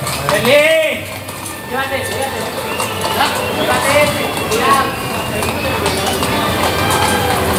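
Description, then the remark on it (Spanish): Hooves of two horses clatter in a rapid galloping rhythm, side by side, across the Coso de las Palomas bullring during a bullfight, amid a noisy crowd, with voices and band music in the background. “Y es una estampa muy singular, porque van los dos galopando como si cada uno fuera por una raya de picar, a ver quién corre más.”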